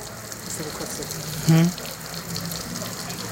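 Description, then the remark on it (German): A steady wash of flowing salt water in an exhibit pool runs throughout, a constant hiss and gurgle, with one brief louder splash or tone about halfway through. “Geh noch mal da rein, komm, geh schön noch weiter, über das Wasser hierher kommen. Das Wasser ist ja salzig.”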